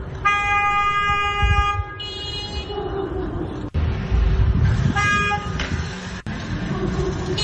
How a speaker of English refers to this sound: See, they're just honking at each other.